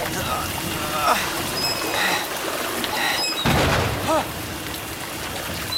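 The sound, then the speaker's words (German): Heavy rainstorm: a dense, steady hiss of pouring rain fills the whole stretch, with a low rumble swelling midway and a few brief vocal sounds rising through the downpour. “verdammter Regen.”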